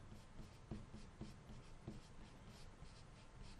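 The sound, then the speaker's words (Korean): Quiet, continuous scratching of a pen or pencil writing answers by hand during a lesson on acids and bases, listing the acidic solutions vinegar, lemon juice and orange juice, with a few small taps as strokes begin, steady with no one talking. “이렇게 적어주면 되겠네요.”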